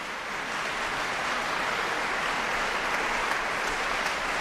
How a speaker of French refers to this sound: Des applaudissements très chaleureux du public pour cette œuvre rarement programmée